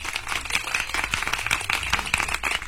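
Steady applause from a small group, a dense patter of many hands clapping at once, fairly loud and continuous throughout with no voices over it.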